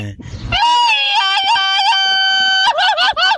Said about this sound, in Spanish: Pero primeramente, nombre, yo quiero que usted se aviente un grito de borracho y que retumbe todo Villa Hidalgo, así merito, y que se oiga la coyotera, sí señor.